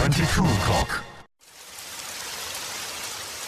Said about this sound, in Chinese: 知道天上为什么要下雨吗？仔细听啊，那是我的思念哒哒滴入你的心，告诉你我在想你。